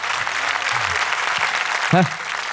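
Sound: audience applause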